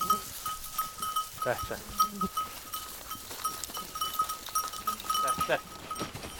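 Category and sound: animal, sheep bleating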